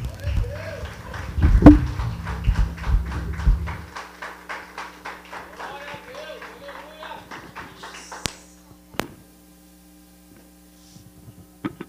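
A church audience claps hands together in a steady, rhythmic beat for several seconds to praise the Lord, with a low hum at the start and the claps thinning out toward the end, followed by scattered knocks.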